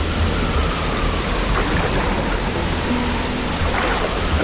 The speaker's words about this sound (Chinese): 你是第一次经历这么大的暴风雨，你害怕了吧？